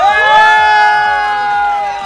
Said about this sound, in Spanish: Encontramos acá por los lares de Tezistán y ya tenemos ganadores. ¡Venga ese grito!